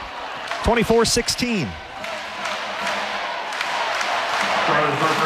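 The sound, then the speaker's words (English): A large crowd at Peterson Events Center chants 'let's go Pitt' in unison during a Pittsburgh Panthers volleyball match, a short burst of loud rhythmic voices, then settles into a steady, echoing arena roar that carries on underneath. “Nice crowd here at Peterson Events Center. Chance of let's go Pitt.”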